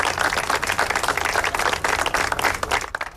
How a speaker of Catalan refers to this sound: L'acte institucional, molt sobri, ha acabat amb una ofrena floral al Memorial de la Pau i un minut de silenci que s'ha trencat amb els aplaudiments dels assistents.